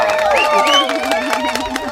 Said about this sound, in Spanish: Claro, la verdad que como aplauso me ha quedado un poquito flojo, debo reconocer.